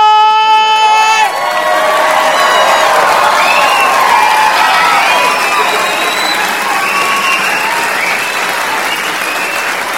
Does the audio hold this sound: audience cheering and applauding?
yes